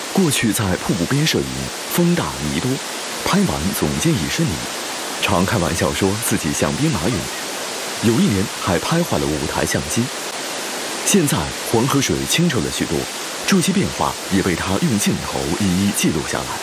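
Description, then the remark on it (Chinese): A loud, steady roar of the Hukou Waterfall on the Yellow River fills the background without pause, while voices talk over it nearly the whole time. “10多年前拍壶口瀑布，我们不敢穿白衬衫，因为拍完以后衣服上、胸襟上都是泥点子。”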